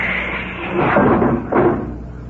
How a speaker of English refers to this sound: I'm going to bump out the lock. Offset. Open the outer door, Doc.